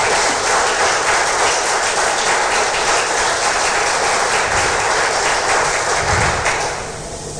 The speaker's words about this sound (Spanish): Denle un aplauso poderoso al Señor.